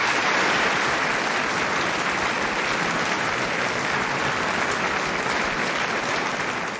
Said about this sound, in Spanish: Estos aplausos parece que más bien pensé que ya se había venido la lluvia de un solo, hermanos.